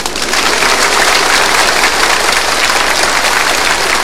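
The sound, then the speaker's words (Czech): A crowd applauds steadily and loudly, with dense, crackling clapping that holds at an even level for about four seconds. No one speaks over it. “Je to fajn, teď už budou tleskat všemu.”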